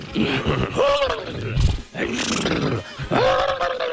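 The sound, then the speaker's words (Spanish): A voice imitates a horse with a few drawn-out, wavering whinnies, rising and falling in pitch, loud and rough, with brief pauses between calls. “Se fueron allá y los caballos hacían así, ¿no?”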